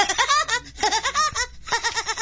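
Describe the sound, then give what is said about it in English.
A voice imitates the laugh of the cartoon woodpecker Woody Woodpecker: rapid, high-pitched, bouncing staccato syllables in three quick bursts, loud and chattering, with no other talk. “impression of Woody Woodpecker. Absolutely spot on.”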